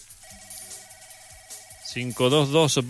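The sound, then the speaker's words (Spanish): A telephone rings with a steady electronic tone for about two seconds, fairly quiet, and then a man's voice starts talking loudly over the end of it. “Pero nos volvió a llamar, mi amigo. Nos volvió a llamar. Otro llamado.”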